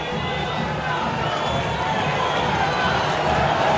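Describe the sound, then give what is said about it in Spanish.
A packed crowd at La Bombonera stadium roars continuously as the first half of a Boca football match ends, some applauding and others insulting: a dense wall of cheering and chanting voices that stays loud and steady throughout, with no break or single voice standing out. “La platea él está brava, algunos aplauden, otros insultan. Escuchá, escuchá la bombonera. Aliento por ahora. El dale vos, que baja desde las tribunas.”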